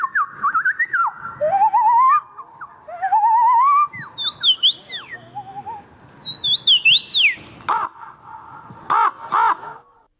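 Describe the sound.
Someone whistles an imitation of wren song at a bird-voice imitation championship held during a festival in a city centre: quick sliding, warbling notes in bursts, clear, followed near the end by a few harsh, caw-like calls.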